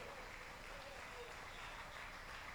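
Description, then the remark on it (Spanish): Faint, scattered clapping from a church audience, a thin and steady patter of hands that stays quiet for the whole stretch, without building up. “Si ese aplauso es para Cristo, se muere de hambre el Señor con eso.”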